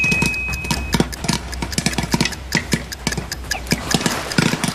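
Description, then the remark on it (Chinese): A full pot of popcorn popping in a covered pot over the lowest flame: rapid, irregular sharp pops crackle steadily, some louder than others, over a low continuous rumble, with no voices. “哦，来，我们静待这一锅爆米花，听。”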